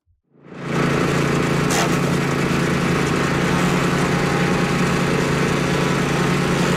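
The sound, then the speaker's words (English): A wood chipper, brought out as a prop by the opposition at the close of the Saskatchewan legislature's spring sitting, starts up after a brief quiet moment. Within a second it rises to a loud, steady mechanical roar with a low droning hum that holds constant. “The opposition brought the props out this week. Alexander, why a wood chipper?”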